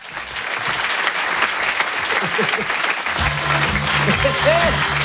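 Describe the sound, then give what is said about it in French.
Steady, dense applause from an audience at the Rire et Chanson Comedy Club, welcoming Walidia, fills the whole stretch, loud and continuous, with some cheering voices and a low rhythmic music beat entering partway through. “Je vous demande un tonnerre d'applaudissements s'il vous plaît pour Walidia.”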